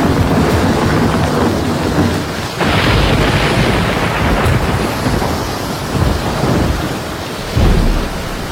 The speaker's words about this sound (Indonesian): Petir menggelegar sambung menyambung.